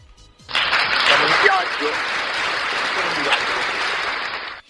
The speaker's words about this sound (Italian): Oggi Tor San Lorenzo, evviva Tor San Lorenzo, applauso a Tor San Lorenzo.